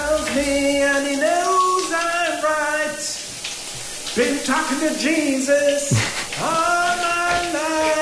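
Steady hiss of running shower water under a man singing loudly and passionately, his melody pausing briefly twice before carrying on over the constant spray.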